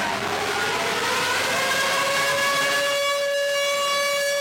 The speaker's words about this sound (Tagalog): Pagpatak ng alas 9 ng umaga kanina, tumunog na ang sirena, hudyat ng pagsisimula ng nationwide simultaneous earthquake drill ngayong araw.